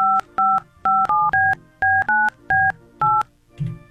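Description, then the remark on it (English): A rapid sequence of about ten touch-tone telephone keypad beeps, each a short clear dual-pitched tone separated by brief gaps, loud, with no talking, as someone dials a phone call to Italy. “Did you dial the one? Yeah, I did. Apparently, it's ringing.”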